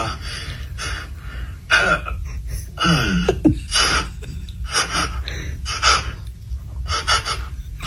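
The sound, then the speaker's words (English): A person imitates a horse with a run of loud, breathy snorts and huffs, about a dozen bursts in uneven rhythm, plus a brief wavering voiced whinny partway through. “Just do like horse noises.”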